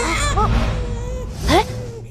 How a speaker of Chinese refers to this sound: 是小宝宝哭的声音。